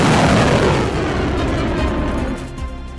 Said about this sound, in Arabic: حتى هذه اللحظات انفجارات مرعبة، دوي انفجارات ضخمة شمال الرياض.